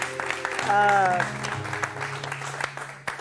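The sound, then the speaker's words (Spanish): A crowd applauds the super vedette Tania Doris with dense, steady clapping for a few seconds, and a brief tonal, voice-like sound rises over the clapping early on. “Pues un gran aplauso para ella, Tania Doris, la super vedette.”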